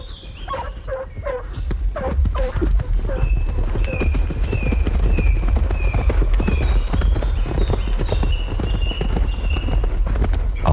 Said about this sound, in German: Satan, seinem 3-jährigen Fuchs, prescht der Graf hinter den Bracken drein, über die Lichtung am Erlengrund, durch das Föhrenholz hinauf zum Eichenhain, wo er den Wilderer vermutet. Der Meute Geläut und Hufe Gedröhn schallt durch die Flur